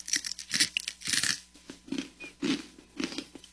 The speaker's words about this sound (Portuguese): Crocante, né? É crunch.